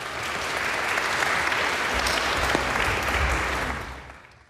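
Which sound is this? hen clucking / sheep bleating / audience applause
audience applause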